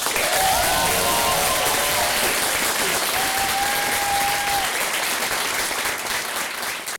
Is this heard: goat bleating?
no